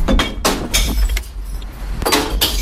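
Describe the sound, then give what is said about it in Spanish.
Glass bottles crash and clatter one after another into a green glass recycling container, a rapid, irregular series of sharp, bright impacts over a low hollow rumble, with no voices. “Es el ruido, el sonido de las botellas de vidrio cayendo en el interior del contenedor de reciclaje, el verde.”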